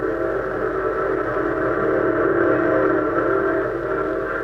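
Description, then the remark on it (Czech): A night train's whistle sounds one long, loud, sustained chord that holds steady without a break, over a low rumbling undertone, with no voices. “A tak ze hřbitůvku vlkodlaku vrací se tuláci k nočnímu vlaku.”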